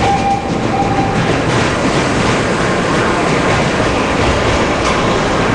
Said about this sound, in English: you really get a sense of the lumbering weight of the train, the wood and the metal. And so you can hear the vibration and that ringing of the brakes. And when it starts again, you hear that vibration start up again.